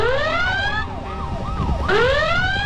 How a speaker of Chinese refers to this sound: 一枝梅话音未落，妓院的外面已经是警笛大作，车声响起，叫喊声、脚步声响成了一片。